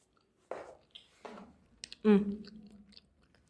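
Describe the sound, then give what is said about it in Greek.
Three crunchy chewing bursts, a voice mimicking noisy munching with wet mouth clicks in between, the last burst loudest and most drawn out. “Εκείνη τη στιγμή ακούστηκε ένας ύποπτος θόρυβος. Κράτς, κρούτς και μασουλήματα.”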